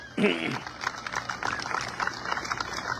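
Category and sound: crowd, audience applause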